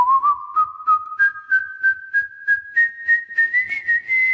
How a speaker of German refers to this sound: Schon bald konnte der gelehrige Vogel das Rondo-Thema aus dem Klavierkonzert Nummer 17 in G-Dur nachpfeifen. Allerdings in veränderter Form. Statt dem G sang er ein Gis.